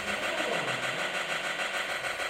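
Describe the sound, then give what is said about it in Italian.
A steady, buzzy synthesized rumble made on a noise channel to imitate an exhaust muffler, with a fast regular pulsing flutter, loud and continuous for a couple of seconds with no talking. “Ok, e poi avevo detto anche che ho cercato di simulare col canale del noise il rumore di una marmitta, che è questo.”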